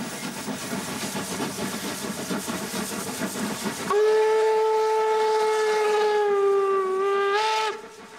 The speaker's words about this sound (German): Deshalb stürzten sich auch die meisten Leute ins Getümmel, um ein eindrucksvolles Motiv der beiden Dampfrösser in voller Fahrt zu ergattern.